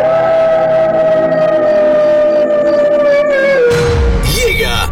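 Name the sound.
wolf howling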